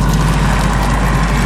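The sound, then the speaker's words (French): A steady, loud rush of water, like a waterfall, forms a dense continuous roar with a deep low rumble. It holds constant throughout, with no voices. “Un bruit de l'eau, hein.”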